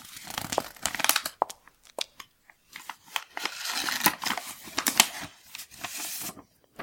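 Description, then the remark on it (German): A paper letter found in a living room being unfolded: a run of crisp, irregular crinkles and rustles with sharp crackling snaps, moderately loud, lasting several seconds with no voices. “Ah, ein Brief.”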